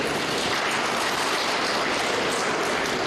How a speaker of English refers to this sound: we can also clap for them.